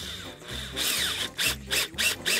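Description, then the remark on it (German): A cordless drill drives screws in short, repeated whirring bursts, its low motor hum rising and stopping several times, mixed with gritty scraping and clicking as the screws bite in. It is fastening a handle on top, with one screw on the left and one on the right. No one speaks. “Aber jetzt brauche ich bloß noch meinen Griff hier oben befestigen, links und rechts eine Schraube reindrehen.”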